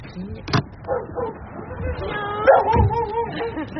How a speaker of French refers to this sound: En tout cas, il y a un chien.